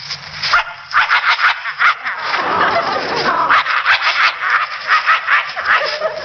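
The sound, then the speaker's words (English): A person imitates a vicious dog, snarling and growling in rough, throaty bursts that swell into a sustained rumble midway, loud, with no ordinary speech. “Or a vicious dog like this.”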